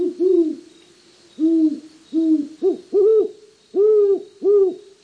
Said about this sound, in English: the adults have not fed the young, and they are hearing about it. Today could be the final day the family group roosts together. For any night now, the young owls will strike out on their own, moving beyond the home territory of their birth.